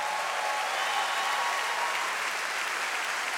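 A large audience applauds steadily, a dense, even wash of clapping at a consistent loudness throughout, with no voices standing out.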